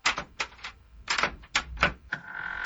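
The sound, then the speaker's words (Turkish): A quick series of sharp metallic clicks and clacks in irregular bursts, like several door locks and bolts being unlocked one after another, ending in a faint ringing tone. “Maşallah senin kayınpeder de kapıyı iyi korumaya almış. Kaç tane kilit koymuş öyle?”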